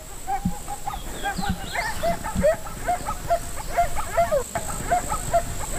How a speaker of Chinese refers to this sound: 大约有20匹狼，这是一个庞大的狼群。